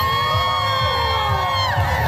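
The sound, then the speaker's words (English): A large crowd cheers and shouts continuously at the annual Pride Parade in downtown Winnipeg, with thousands walking, high whoops and overlapping voices forming a loud, sustained roar of celebration over a steady low rumble. “Thousands walking in the city's annual Pride Parade.”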